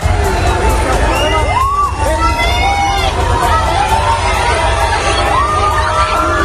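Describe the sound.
A large crowd of fans outdoors around the Spanish national football team's hotel in Seville, Spain, cheers and shouts continuously seeking autographs, many voices overlapping in loud, excited babble, with higher shrieks and calls rising above the steady roar.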